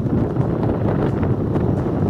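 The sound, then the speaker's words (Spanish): Strong wind in the Chipana and Rancagua sector buffets a phone microphone as trees sway, producing a continuous low, rumbling roar with irregular gusty thumps and crackling bursts, loud and steady throughout with no voices. “Fuerte viento.”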